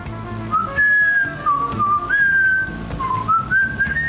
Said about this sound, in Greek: Βρε παιδιά, ποιος σφυρίζει? Αυτό προσπαθώ να βρω. Εγώ σφυρίζω λίγο. Όταν βαζέμαι.